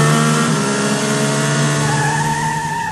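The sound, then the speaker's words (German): A car engine revs hard and accelerates as the driver floors it to overtake a truck convoy on a country road in the Sauerland, its loud, steady harmonic whine rising in pitch toward the end, sustained with no voices. “Es wird aufs Gas gedrückt.”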